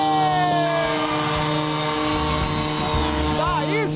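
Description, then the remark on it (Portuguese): Several loud truck air horns blare at once during a horn protest, in long sustained tones, overlapping steady blasts with a brief wavering pitch near the end, over a rumble of engines and traffic. “Buzinou bonito esse aqui. Agora vai acabar, já tá acabando o buzinaço, gente.”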